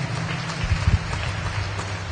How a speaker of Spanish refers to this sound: Hay un fuerte aplauso